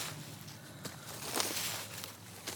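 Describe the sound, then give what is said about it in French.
Leaves being raked: soft, scratchy rustling with a few irregular sweeping strokes over a steady hiss, fairly quiet, no voices. “Des feuilles ratissées.”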